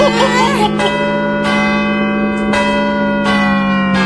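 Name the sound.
ringing bells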